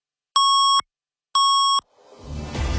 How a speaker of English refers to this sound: At the sound of the double tones, it'll be 9:30.